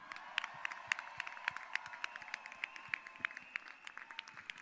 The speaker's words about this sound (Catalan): Però abans de tot, deixeu-me que li doni les gràcies a la Coral Marinada i al Piqueras, que han fet dos pregons increïbles i crec que es mereixen un fort aplaudiment. Vinga!